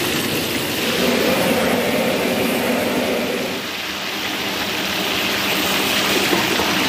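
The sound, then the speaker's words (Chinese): Fish sizzles steadily in hot oil as it is fried for about a minute to brown both sides, for a fish-head-and-doushen stew. It is a loud, even hiss with a crackly texture that holds without pause for several seconds, dipping slightly midway before resuming. No voices are heard. “煎个1分来钟吧，这个把两边就煎黄。”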